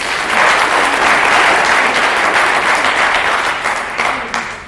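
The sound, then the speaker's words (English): An audience applauds to thank the university's Vice Chancellor and his representative, a dense wash of many hands clapping at a loud, even level for several seconds before tapering slightly at the end. “So let's give them a clap.”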